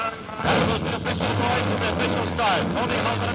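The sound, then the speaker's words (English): Several race car engines fire up and rumble together in a loud, sustained roar, with a noisy crowd and indistinct voices mixed in the background. “Gentlemen, start your engines.”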